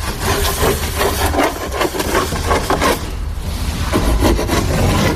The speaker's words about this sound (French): C'est quoi cette grande planche là, Bertrand, que vous êtes en train de couper, de scier?